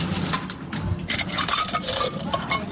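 Metal keys jingle and clink repeatedly while being handled, a busy run of bright, overlapping metallic taps and rattles with no one speaking.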